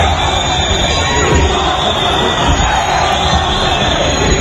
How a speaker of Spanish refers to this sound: Pedro Sánchez llegaba a la Asamblea de Ceuta a media mañana en medio de uno de los abucheos más sonoros que se recuerdan contra él en público.